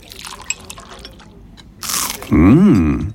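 A few soft clicks lead into a sharp, crunchy bite into food, quickly followed by a loud, wavering tonal swell that rises and falls before fading.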